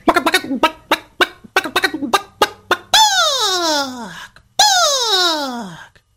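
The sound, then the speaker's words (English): A voice imitates a chicken: a run of quick, choppy clucks, then two long, descending crowing squawks that slide downward, loud with brief pauses between. “I never could crow like all the other roosters. Just sound like a funky chicken, like this.”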